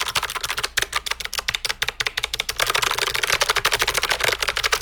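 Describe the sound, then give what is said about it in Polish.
Rapid, crisp clicking of a mechanical keyboard with clicky blue switches and ISO layout, held close to the microphone, a dense run of sharp clicky keystrokes that speeds into a near-continuous clatter, with no voices. “Oczywiście, no jest to brzmienie, powiedzmy, ja sobie specjalnie teraz podstawię ją bliżej mikrofonu, jest to brzmienie tego typu.”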